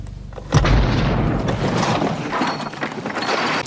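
A car bomb explodes in a husband's car as a woman heads into town to shop, with a sudden, heavy boom followed by a loud, sustained rumbling roar that lingers for several seconds; no voices are heard.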